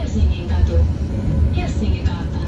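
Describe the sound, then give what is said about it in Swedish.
A recorded stop announcement on a Helsinki public transport tram, voiced by actress Alma Pöysti, plays over the steady low rumble of the moving tram. The speech is clear against constant vehicle noise. “Visste du att det är skådespelaren Alma Pöysti som gör hållplatsutropen på kollektivtrafiken i Helsingfors?”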